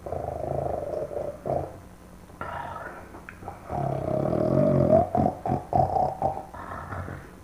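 Loud, raspy snoring with long, throaty inhales and a gurgling rattle, breaking into a quick series of choppy snorts toward the end; no talking.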